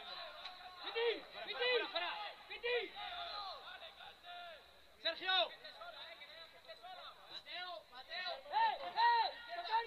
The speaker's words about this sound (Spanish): Las indicaciones, los gritos, la tensión que se palpa en el estadio ante los Anfield, que escuchamos desde los banquillos.